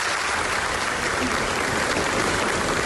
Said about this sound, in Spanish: Es el aplauso que ha recibido Nevenka Fernández al regresar a Ponferrada 25 años después.